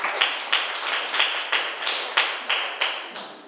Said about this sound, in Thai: นักเรียนเก่งมากค่ะปรบมือให้ตัวเองหน่อย